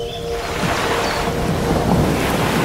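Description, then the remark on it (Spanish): Rough sea surf roars in a loud, steady, unbroken wash of crashing water at the margins of an agitated sea by the sandy beaches of Indonesia, with no voices present. “Desde la calmada superficie de los lagos viajamos a los márgenes del agitado mar”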